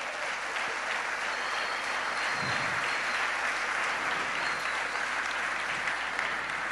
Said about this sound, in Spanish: Bueno, dar un fuerte aplauso al Señor Jesucristo.